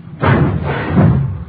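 A garage door rumbles open with a heavy, clattering thud, loud, its noise swelling twice over about a second and a half with no voices.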